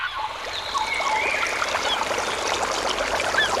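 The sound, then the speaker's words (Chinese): A steady stream rushes and babbles continuously, its even hiss of water filling the whole moment, with a few faint high-pitched bird calls drifting through in the background. “溪流，森林，草原，大海。”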